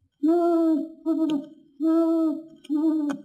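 An owl hoots four times, loud, in two pairs: a long steady hoot followed by a shorter one, with no talking around it.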